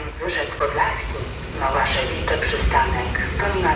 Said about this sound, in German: So, die S-Bahn fährt jetzt gerade ein, ja?